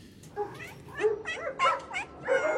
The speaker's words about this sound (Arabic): من زاوية هادئة في بغداد يتوالى مواء القطط ونباح الكلاب ما إن يعلو صوت وقع أقدام الشاب